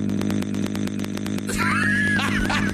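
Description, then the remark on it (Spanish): A loud, continuous chainsaw-like buzzing with rapid regular pulses, a person's voice imitating a revving chainsaw, shifting midway into rising, wavering whine-like tones. “Oye, güey, si le hace igualito que motosierra.”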